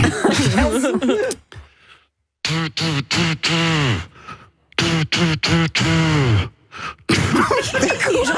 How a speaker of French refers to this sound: La prochaine, on va partir sur un casou.